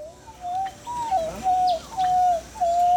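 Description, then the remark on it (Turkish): A child's voice imitates a monkey call with a quick series of about five short, hooting whoops, each sliding slightly downward, clear with no other talking. “… harika bir maymun çağrısı yapıyor.”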